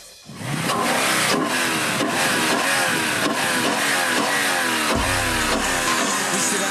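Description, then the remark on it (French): A naturally aspirated 5-litre, 464-horsepower V8 engine of a production sports car, proven in endurance racing, fires up and revs hard, its deep, throaty roar rising and falling in pitch as the throttle is blipped, with a low rumble near the end. “Voici le fameux V8 5 litres de 464 chevaux. Un bon gros moteur atmosphérique, fiable et voluptueux.”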